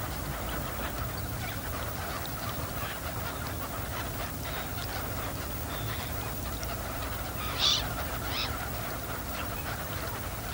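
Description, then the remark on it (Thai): Garganey ducks call from a flock on the water, a migrant flock come from Siberia to escape the cold, dabbling at the surface for small aquatic animals and plants; a continuous low chatter of quacks over a steady background hiss, with two sharper, louder calls standing out near the end. “เป็ดปากสั้นเป็นเป็ดในกลุ่มที่ว่ายหากินอยู่บนผิวน้ำใช้ปากไซหาสัตว์และพืชน้ำเล็กๆกินเป็นอาหารเป็ดปากสั้นกลุ่มนี้หนีความหนาวเย็นมาไกลจากไซบีเรีย”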